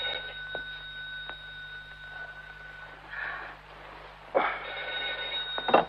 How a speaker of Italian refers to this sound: Lidia, rispondi al telefono